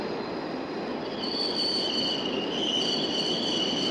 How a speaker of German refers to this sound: U-Bahnhof Wolterstraße, das ist der erste U-Bahnhof hier wieder auf Westberliner Gebiet, nachdem die Bahn den Ostsektor von der Leinestraße hier kommend durchfahren hat. Jetzt läuft ein Zug von der Leinestraße her kommend in den Bahnhof ein.